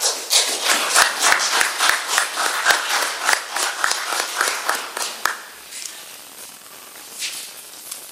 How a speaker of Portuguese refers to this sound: E são palmas merecidas para a direção executiva.